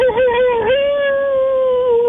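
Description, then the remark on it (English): A voice imitates a wolf's howl: one loud, sustained, wavering tone that rises slightly early on and then holds steady for about two seconds, alone. “That sounds more like a wolf,”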